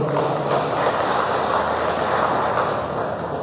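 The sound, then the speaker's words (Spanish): An audience applauds steadily at a municipal council award presentation, a dense wash of many hands clapping at once, fairly loud and even in level for the whole stretch, with no voices rising above it. “Bien, fuertes los aplausos.”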